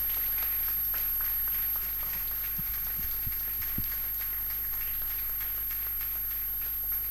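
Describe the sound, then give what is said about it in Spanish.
After a prayer, a crowd claps steadily for the Virgin, Nuestra Señora del Tránsito, and the children, a dense patter of many hands that holds at an even level for several seconds, with a few low thumps partway through and no one speaking. “Le damos un fuerte aplauso a la Virgencita y a los chicos también.”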